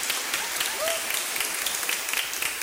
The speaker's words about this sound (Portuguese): Uma salva de palmas bem bonita para as crianças que foram batizadas.